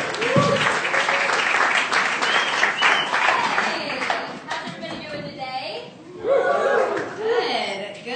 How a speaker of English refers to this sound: This next comic, she's a cast member at Chicago Underground Comedy. It's one of the best shows in the city every Tuesday at Beat Kitchen. Clap it up right now